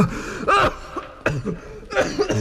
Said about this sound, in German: Nein. Ich würde doch nicht vom Husten sterben.